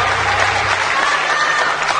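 Loud, steady applause from a crowd, a dense wash of many hands clapping at once without pause or rhythm, with no voices standing out above it.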